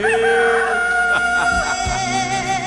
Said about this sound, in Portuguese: Aí o galo canta, hein? É, cadê o galo cantando, hein?